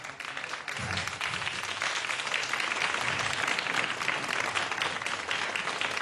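A crowd claps steadily for about six seconds for the composer Lu Liang-hui, a dense, even patter of many hands at a consistent loudness, with no one speaking over it.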